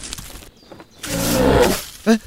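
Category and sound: animal, lynx call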